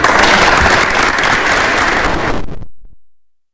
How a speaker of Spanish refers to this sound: Un aplauso para...